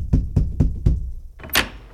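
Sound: knocking on a door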